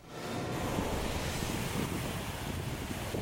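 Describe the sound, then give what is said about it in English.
Steady rushing surf of Mediterranean Sea waves washing onto a beach in Tel Aviv, Israel, on a sunny day, a dense continuous roar with some wind buffeting, no voices present. “Israel's Mediterranean coast boasts stunning views and great beaches.”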